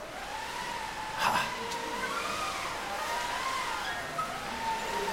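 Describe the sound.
A group of children from class 3a imitate wind for a pretend sailboat trip, blowing and whooshing steadily while a few voices howl in rising and falling tones, forming one continuous, moderately loud wash of breathy noise.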